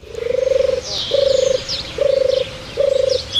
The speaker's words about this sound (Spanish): La tórtola común, que siempre, bueno, siempre se ha visto, se ha hablado eso de los tortolitos, la tórtola, ¿no? Con ese arrullo y demás, ¿no? Que tenemos ahí de fondo, ¿no?